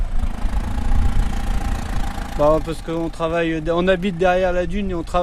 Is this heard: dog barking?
no